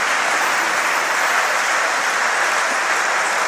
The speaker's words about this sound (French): Écoutez, Geoffroy Guichard. qui applaudit Juan Ferreira, toute la tribune Henri de Point, tous les balcons, toute la Pierre Forand.